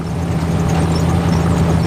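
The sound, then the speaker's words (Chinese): A car engine runs with a steady, continuous low drone and a constant hum, fairly loud and unchanging throughout, with no voices. “汽车声音，汽车声音，再来看。”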